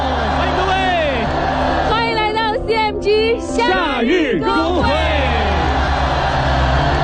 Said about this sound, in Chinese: 此刻有大家的欢呼声，晚风也吹过我们的面庞，蝉鸣声阵阵，而且恰逢端午小长假，欢迎各位跟我们共赴这场属于夏日的音乐派对。